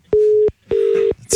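A telephone ringback tone heard down the line as a call to a woman is tried again, unanswered: two steady, medium-pitched electronic bursts in a quick double-ring pattern, fairly loud, with faint clicks and no talking.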